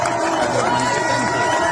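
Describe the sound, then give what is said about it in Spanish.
A large crowd of protesters in Paris, joined by firefighters who applaud them, cheers and applauds in a steady, dense roar, with scattered shouts and voices rising above the continuous clapping and noise. “Y bueno, aquí mira, esto es muy, muy interesante, porque aquí vas a ver los bomberos que se unen a los manifestantes y les aplauden.”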